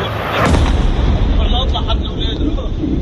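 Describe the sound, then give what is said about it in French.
A sonic boom from Israeli military jets breaking the sound barrier over Lebanon, a loud sharp blast that rolls into a deep, sustained rumble, with faint voices and shouts in the background. “Ces bruits sont provoqués par des avions israéliens qui dépassent le mur du son. On appelle ça le bang supersonique et il semble être utilisé dans le cadre d'une guerre psychologique.”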